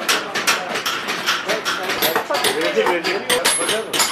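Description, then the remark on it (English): A busy bazaar in Urfa full of overlapping crowd chatter, cut through by frequent sharp metallic clanks, bangs and clatters in an uneven, steady stream of impacts. “The burning sun and bazaars, it's all a riot of smells, color, and noise.”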